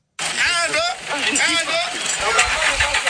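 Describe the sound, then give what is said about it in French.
A four-by-four engine revs hard in repeated surges, its pitch climbing and falling with each press of the accelerator, loud as it strains without success to pull a stuck eighteen-wheel truck through mud on an unmaintained road in the rainy season. “Des coups d'accélérateur et de 4x4 pour tirer ce camion de 18 roues dans la boue, mais sans succès.”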